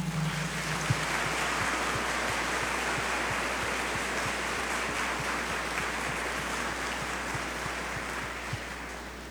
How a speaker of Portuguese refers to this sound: Que Deus abençoe imensamente a nossa comunidade, mais uma vez, vos acolhe com uma salva de palmas.